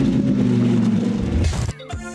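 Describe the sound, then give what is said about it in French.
The 640-horsepower V10 engine of a Lamborghini Huracán Evo GT coupé revs loudly with a dense, buzzing harmonic roar that holds steady, then surges into a sharp, rasping burst before dropping off and picking up again, with no voices. “Parfait pour apprécier ce coupé GT et son fabuleux V10 de 640 chevaux.”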